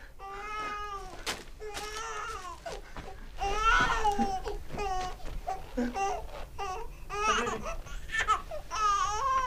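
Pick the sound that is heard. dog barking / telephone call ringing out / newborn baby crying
newborn baby crying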